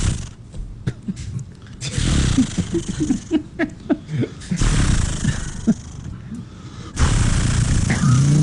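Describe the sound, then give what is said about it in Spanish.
A person vocally imitates a chainsaw (motosierra) being started: a few sputtering, pulsing attempts to start, then loud, sustained raspy revving bursts like the saw cutting. “¿Cómo es que hace la sierra”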